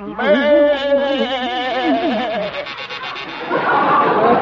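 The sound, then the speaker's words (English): A voice imitates a door buzzer with a loud, wavering, nasal buzz that lasts a couple of seconds, followed by a burst of rough, breathy noise like laughter. “There goes our door buzzer”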